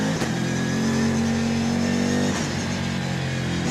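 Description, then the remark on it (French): A powerful twin-turbo V8 engine of a 1250 kg, 600-horsepower, rear-wheel-drive car roars steadily under acceleration: a loud, dense rumble with a sustained low drone and a rising tone that dips briefly partway through, with no talking. “Le V8, c'est un V8 biturbo.”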